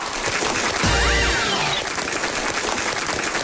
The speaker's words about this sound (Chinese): 听见了吧？看见了吧？鼓掌的、呐喊的，都是我家亲戚。